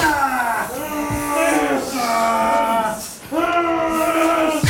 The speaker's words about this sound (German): Das ist Seile ziehen und was ihr da gehört. Das ist Schweizer Mannenteam beim Training.